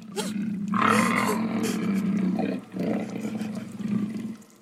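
A fierce lion roars loudly, a deep, rumbling growl sustained for several seconds with a couple of swelling surges before it fades out. No one speaks.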